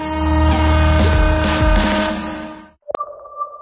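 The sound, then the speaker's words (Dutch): A train rumbles loudly along the rails with steady horn-like tones sustained over the clatter, then it cuts off abruptly to a brief click and a fainter, hollow ringing tone. “Stap in bij Koninklijke Klasse in het Spoorwegmuseum en ontdek hoe de Oranjes 150 jaar lang per trein reisden in hun eigen rijdende paleizen.”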